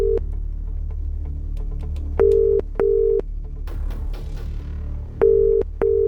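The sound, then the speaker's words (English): A telephone ringback tone heard on an outgoing call placed live on BBC Radio 2: steady, clear double-pulse rings repeating every few seconds over a faint low hum, with no one speaking. “then we'll call the number. Will it be answered? We're about to find out.”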